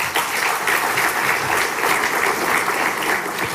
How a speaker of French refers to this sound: Merci, mesdames et messieurs les ministres, pour votre présence. On peut les applaudir également.